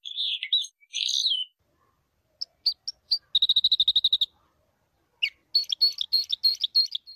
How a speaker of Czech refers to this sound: Krstokljun, mala ptica pevačica koja nastanjuje četinarske šume i zahvaljujući svom neobičnom kljunu lako dopire do semenja i šišarki. U Srbiji je veoma ugrožena vrsta.